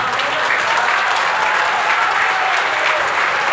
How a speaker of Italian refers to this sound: Sarà promuovere, ma però mettiamoci d'accordo, cerchiamo di ridurre gli applausi, perché sennò poi, perché ho diverse cose da dire, se questo è il senso siamo d'accordo su molte cose.